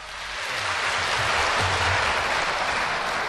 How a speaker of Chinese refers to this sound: 谢谢大家热烈的掌声啊！ 感谢您， 观众确实热情。